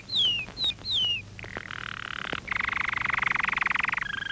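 Toad croaking: a few quick descending chirps give way to a steady, buzzing trill, then a louder, rapid pulsing croak that runs continuously to the end. No voices.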